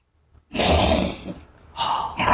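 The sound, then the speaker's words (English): A voice imitates a tiger with a long, breathy, rasping growl, followed after a short pause by a second, shorter throaty roar. Both are loud and unaccompanied by talk. “And then the tiger comes along to save him.”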